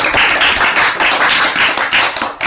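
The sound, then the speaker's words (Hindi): A crowd claps steadily for a couple of seconds, a dense, loud patter of many hands with a slightly pulsing rhythm, no voices over it. “तो तालियां हो जाए।”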